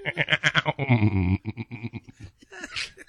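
A goat bleats: a few quick choppy calls, then one long, loud, quavering bleat, followed by shorter sounds and a brief voice near the end.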